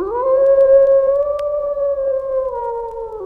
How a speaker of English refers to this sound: The howl of the threatening wolf, that ugly signal of catastrophe, echoes through our culture, repeated in songs, in poems, in movies.